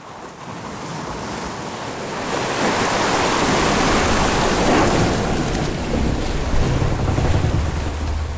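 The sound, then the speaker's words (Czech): Sea waves surge and wash continuously on the open sea with no land in sight, heard from the deck of a schooner sailing at full speed, swelling louder after a couple of seconds, with gusty wind buffeting the microphone and a low rumble like a vessel's hull and engine beneath. “Konečně mě vytáhli z té díry a vynesli mě na palubu lodi.”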